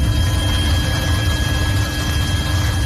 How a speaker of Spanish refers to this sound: Sonido de los helicópteros, el fuego de madrugada avanzado un poco, ha bajado de intensidad.